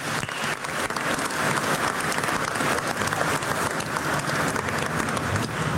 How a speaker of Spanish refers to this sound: Te lo pedimos por Jesucristo nuestro Señor. Amén. Un aplauso al Divino Salvador del mundo.